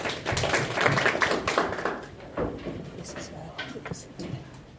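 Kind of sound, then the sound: crowd, applause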